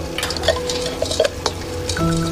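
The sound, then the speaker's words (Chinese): Kitchen sounds: a steady sizzle of fish just put into a pan to fry, with scattered clinks and scrapes of a utensil stirring against metal, and a low hum throughout. “不好意思，我这鱼刚下锅。”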